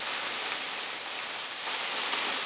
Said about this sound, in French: Je n'entends presque rien, à part le bruit des feuilles qui bougent dans les arbres. Un oiseau, peut-être? Non, ce n'est pas un oiseau. On dirait plutôt des écailles ou des griffes qui frottent contre une branche ou qui s'agrippent au bois des arbres